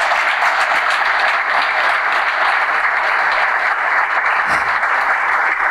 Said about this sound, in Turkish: Hocamız için bir kocaman alkış rica ediyorum.